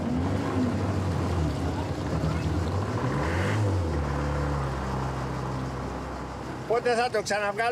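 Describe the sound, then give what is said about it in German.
The engine of a small fishing boat heading for the harbour of Aegina town, Greece, drones steadily at a low pitch, a loud rumbling hum that runs almost the whole time before a voice briefly speaks over it at the end. “Wir nehmen den Motor jedes Jahr einmal auseinander.”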